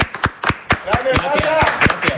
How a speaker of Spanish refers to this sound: Otro aplauso.